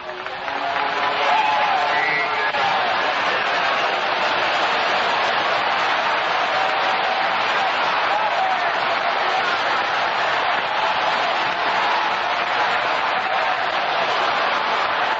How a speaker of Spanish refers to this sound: Sigue aplaudiendo, sigue aplaudiendo ahí. Se va a sanar aplaudiendo, se va a libertar aplaudiendo. Aplauda ahí, aplauda ahí. Sigue aplaudiendo.